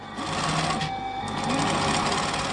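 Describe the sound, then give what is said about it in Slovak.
A sewing machine runs steadily in a Sorbian seamstress's sewing workshop, its rapid mechanical stitching forming a dense, continuous whir with fine rhythmic ticking, fairly loud and with no one speaking. “Typiski ta zvuk šijabe, když ve Švalčani stejš.”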